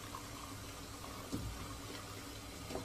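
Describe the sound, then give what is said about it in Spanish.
A visually impaired man aged 40 to 50 pours coffee from a coffee pot into a cup at a stove, placing the cup with his left hand: a soft, steady trickle lasting a few seconds, quiet, with faint clinks near the middle and end and no one speaking. “Extrae la cafetera de una tetera y lo sirve en una taza que ubica con su mano izquierda.”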